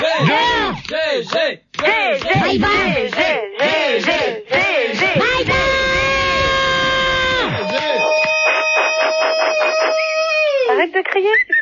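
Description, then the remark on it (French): Loud, shrill voices shout and yell nonstop, overlapping cries rising and falling in pitch, ending in a long sustained high-pitched shriek. “Arrête de crier, s'il te plaît, tu réponds.”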